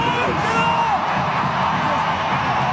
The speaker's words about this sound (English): That's an incredible cheer.